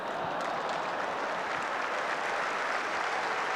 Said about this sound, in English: What's happened now? Somebody in the crowd to our right-hand side is getting applauded. But for what, I know not.